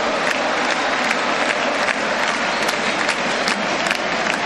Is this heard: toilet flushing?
no